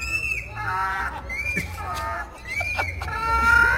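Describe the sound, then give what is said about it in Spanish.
A voice imitates a donkey braying at the 2026 fair in Otumba, State of Mexico, producing a string of strained, wavering hee-haw cries that swing between higher and lower pitches over a steady low rumble, growing louder toward the end. “en Otumba, en la feria 2026 en el Estado de México, y quiero que escuchen cuáles son los rebuznidos que yo dije, carnal, la neta, sí se rifaron algunos, y hay banda que tiene ese talento que se va a hacer como burro, de verdad, escuchen de una vez.”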